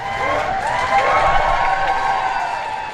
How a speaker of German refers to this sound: Als Volodymyr Zelensky vor die Downing Street Nummer 10 tritt, brandet Applaus auf.